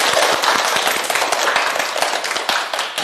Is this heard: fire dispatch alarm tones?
no